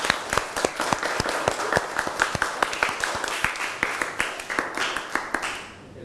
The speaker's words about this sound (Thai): ค่ะก็ต้องขอขอบคุณสื่อวิทัศน์ที่ใช้ในการศึกษาในวันนี้นะคะก็ต้องขอขอบคุณแล้วก็ขอเสียงปรบมือให้กับสื่อวิทัศน์ในครั้งนี้ด้วยค่ะ